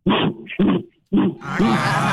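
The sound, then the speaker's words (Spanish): A man grunts three times in imitation of a gorilla while singing a song: two short, rough guttural bursts, then a longer breathy growl trailing into huffing noise, loud. “Pero gruñó como hombre.”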